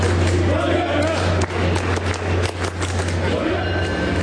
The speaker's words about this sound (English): As I queue into South Station to catch my ride, a sea of fans funnel between metal gates on the way to the platform. When the train doors open, the crowd cheers and chants as they hop on.